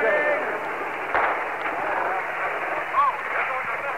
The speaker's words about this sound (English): There goes a big blast. Right into the crowd. The crowd is trying to retreat.